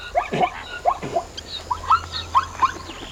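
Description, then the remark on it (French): Zebra calls from zebras in the savanna: a quick, irregular string of short squeaky yelps and barking bursts, about eight in all, moderately loud with no talking. “Il y a des zèbres avec leur pelage rayé et leurs drôles de cris. Écoute. Tu entends ?”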